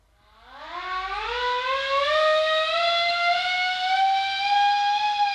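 A ship's siren sounds to call the crew to assembly, winding up from a low growl, rising steadily in pitch before settling into a loud, sustained wail that holds to the end, with no voices.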